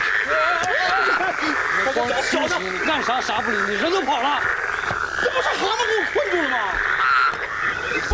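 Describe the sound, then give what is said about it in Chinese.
A loud, dense chorus of toads croaking continuously, many overlapping calls with a steady droning buzz underneath, filling the whole stretch without pause. “这不是蛤蟆给我困住了吗？”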